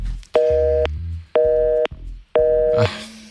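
A telephone busy signal after a caller's line drops during a call on Radio Študent: three steady, evenly spaced electronic beeps at a constant mid pitch, each about half a second long with equal gaps, heard alone before a short burst of noise.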